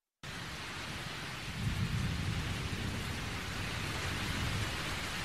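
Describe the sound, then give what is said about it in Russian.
Steady, dense rain hisses throughout a thunderstorm, and a deep rolling rumble of thunder swells in after a second or so and lingers beneath the downpour, coming at the same moment as a bright flash of lightning that lights up a room. “Вдруг вторично комнату осветила яркая вспышка молнии, и в ту же минуту прогремел гром, который на этот раз обратил на себя внимание Николая.”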